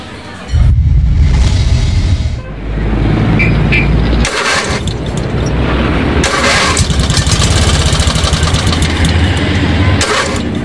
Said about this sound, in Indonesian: Aduh, pagi mogok segala nih motor.